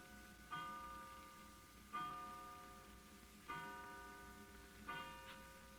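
A clock strikes five o'clock with slow, evenly spaced strikes, four audible here, each a bright bell-like tone that rings and fades before the next, with no talking.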